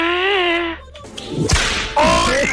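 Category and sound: sound effect, whip crack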